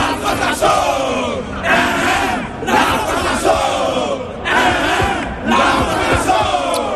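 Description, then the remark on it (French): A crowd at the stade Charletti in Paris cheers and chants loudly during the Ivory Coast versus France friendly match, the roar swelling in repeated waves every second or so with dense, overlapping voices and no clear speech. “Super ambiance hein, au stade Charletti de Paris.”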